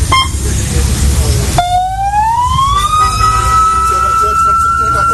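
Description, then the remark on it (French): A loud siren, signalling that the observers must now leave in the observers' vehicle, winds up from a low pitch to a high, steady wail over a few seconds, rising above a rumbling engine that fills the opening moments. “Voilà, quand on entend cette sirène, c'est bon, les observateurs vont devoir partir maintenant.”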